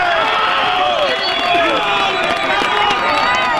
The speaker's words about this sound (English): Applause rang out today after rescue teams retrieved one woman who had been trapped for a day and a half.